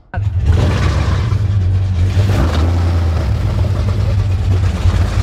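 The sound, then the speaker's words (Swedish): A motorboat engine kicks in abruptly and keeps running loud, a steady low droning roar with rushing noise layered over it for several seconds. “Ja, det är så länge sedan jag åkte fort alltså, med båt kan jag säga.”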